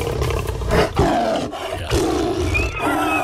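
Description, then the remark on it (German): A lion roars loudly, a deep rumbling growl in several heaving bursts over a few seconds, with no talking. “Der Löwe. Da rennt die Jäger weg.”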